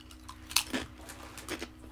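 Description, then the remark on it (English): Someone munches crisps, with a few sharp, crackly crunches spread irregularly over a couple of seconds against a quiet, low hum. Nobody speaks. “Just munching on the air. Yeah, like... these crisps are experiencing a real quick...”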